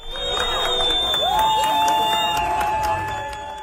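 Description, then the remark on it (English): Soccer fans in Vancouver cheer and shout loudly as the Turkish national team's bus arrives ahead of a FIFA World Cup match, a dense, continuous crowd roar with sustained whistle-like or horn-like tones rising over it and no speech. “Soccer fans greet the Turkish national team as their bus arrives in Vancouver.”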